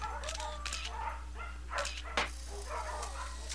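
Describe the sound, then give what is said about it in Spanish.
Several dogs at the Segunda Oportunidad dog shelter bark and whimper in short, overlapping yelps as a car arrives and they flee. A sharper bark stands out near the middle, over a steady low hum; no one speaks. “De repente llegó un auto y al verlo, los perros huyeron.”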